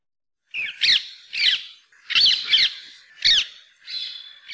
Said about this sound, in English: Manu Minute, we've got the songs, or rather squawks, of the introduced rose-ringed parakeet. That's courtesy of recordings from the Macaulay Library at the Cornell Laboratory of Ornithology.